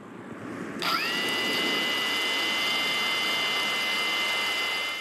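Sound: drone flying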